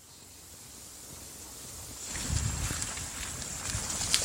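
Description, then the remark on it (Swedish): Steady outdoor wind with a hissing wash of rain as people walk slowly from an apartment down toward the water, growing louder and rougher halfway through as gusts buffet the microphone, with faint low rumbles and no voices. “Vi lämnar lägenheten och rör oss sakta ner mot vattnet. Det blåser och regnar på oss.”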